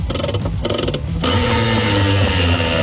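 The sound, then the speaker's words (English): The 4CC Gladstone Camping Centre glamping prize wheel is given a big spin on radio and lands on an Icy Tech cooler. Rapid, loud ratcheting clicks blur into a dense, continuous mechanical clatter partway through. No voices are heard. “Giving that a big spin.”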